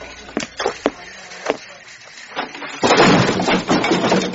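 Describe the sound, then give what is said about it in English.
A few sharp knocks and clatters give way to a loud, broad crash that rumbles and rattles on as a door falls off and slams to the ground. “The door fell off.”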